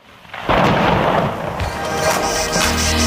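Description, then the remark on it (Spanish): A deep roll of thunder breaks in suddenly after a quiet start, rumbling loudly and steadily over a hiss of heavy rain for about three seconds, during an unexpected downpour in San Sebastián de los Reyes. “Que nos ha caído un chaparrón aquí en San Sebastián de los Reyes, que no lo esperábamos.”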